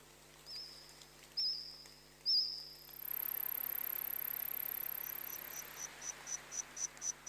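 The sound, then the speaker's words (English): Insects in a recreated Jurassic-period forest, from the soundtrack of the Steven Spielberg series The Dinosaurs, chirp and trill with no talking: a few high, wavering trills, then a dense buzzing chorus joined by a steady, very high whine, ending in a regular series of sharp chirps. “Insects chirping, trilling, and squawking there, making up the soundtrack of a new Steven Spielberg series called The Dinosaurs.”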